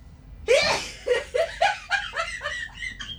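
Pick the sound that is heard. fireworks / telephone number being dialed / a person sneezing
a person sneezing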